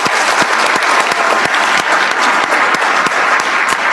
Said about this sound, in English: thank you so much to Bondry Consulting and their team. If we could give Bondry a round of applause.